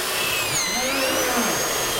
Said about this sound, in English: Yeah, the drill, the dreaded drill.